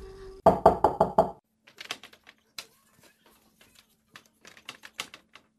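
Five quick, firm knocks on the wooden door of a house in Bangalore in an even rhythm, loud, followed by a stretch of faint scattered taps and clicks.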